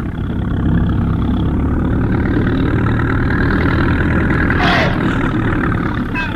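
A loud engine runs steadily close by, a thick rumbling drone with no pauses, and a brief rising whine cuts through near the end.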